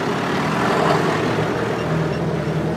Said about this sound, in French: Le tracteur s'éloigne.